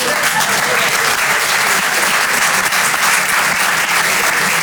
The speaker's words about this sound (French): Là, je vous vois applaudir parce que je suis sûr qu'il y en a qui font des visios avec Bangalore dans la salle.